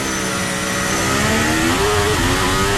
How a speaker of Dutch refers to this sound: Beetje wielspin.